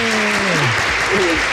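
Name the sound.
applause sound effect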